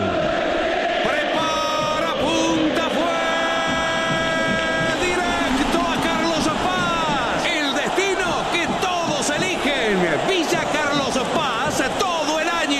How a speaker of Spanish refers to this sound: El momento de mayor ebullición del hincha de River, que ahora en forma de 85 mil personas que gritan, festejan por ahora la clasificación a la final.